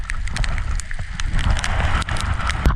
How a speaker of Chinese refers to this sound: 在行进了2个小时左右，天空中突然乌云密布，瞬间下起了比黄豆还要大的冰雹。 哇，冰雹太大了。